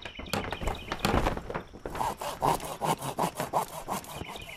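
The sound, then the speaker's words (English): Wood being sawed by hand to build a boat: after some scraping and clattering, a steady run of about eight quick, rasping back-and-forth strokes, fairly loud, with no talking. “She sawed and tied and hammered, and she built her very own boat.”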